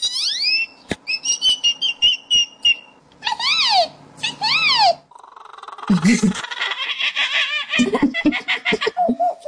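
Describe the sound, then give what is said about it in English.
A 12-year-old boy from Oklahoma imitates a rapid series of bird calls, loud: high whistles, rising and falling chirps, squawky trills and warbling notes, each call changing quickly to the next. “imitating bird calls.”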